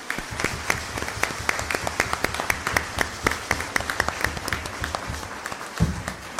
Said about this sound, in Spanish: Así que, no, de verdad, muchas, muchas gracias por su alegría y su testimonio. Démosle nuevamente un fuerte aplauso.